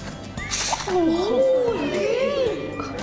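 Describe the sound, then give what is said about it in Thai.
Breathy blowing through two straws, one dipped into water and the other held against it, sends a hissing spray of water, while a child's voice rises and falls in a long, wavering tone over the top. “วิธีการก็คือเอาหนึ่งหลอดจุ่มเข้าไปในน้ำแบบนี้นะคะและอีกหนึ่งหลอดวางไว้แบบนี้หลังจากนั้นเราก็หายใจเข้าแล้วก็เป่า”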